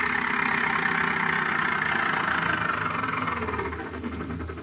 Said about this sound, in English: So she's standing out at the edge of Fairfield, attempting to catch a ride to Gold City, where she can once again board her bus. A car is approaching her.